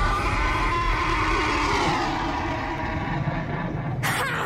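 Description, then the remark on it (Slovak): A loud, drawn-out horse whinny with a shrill, wavering pitch that slides downward, set against a dense rumbling background and ending with a sudden sharp burst of noise. “Tvoj čierny kôň sa stratil ako paračarodejník.”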